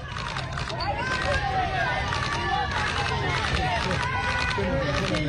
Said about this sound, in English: This is a crowd on a Bronx street in New York. Listen to these people.